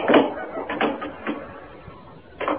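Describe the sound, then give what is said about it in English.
A door is shut with a few dull, clunky knocks and rattles spread over a couple of seconds, the last thump coming after a brief quiet pause. “Let me close the door.”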